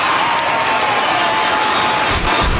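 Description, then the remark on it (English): A large stadium crowd in the south end roars and cheers at an Oklahoma–Texas football game as Oklahoma answers with a score, in a dense, continuous wash of noise, with scattered applause and a few brief louder bursts rising out of the sustained din. “Oklahoma has answered, and this crowd in the south end is all worked up.”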